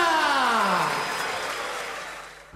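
Loud audience applause fills the whole moment, a dense steady clatter of many hands clapping, with a brief falling tone sweeping down at the start.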